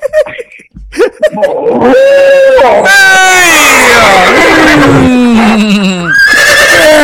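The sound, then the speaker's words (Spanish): A person loudly imitates a bull, letting out several strained, drawn-out bellowing calls that rise and fall in pitch, with brief gaps between them. “Entonces, imita toro. Un toro, pues.”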